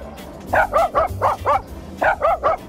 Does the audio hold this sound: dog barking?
yes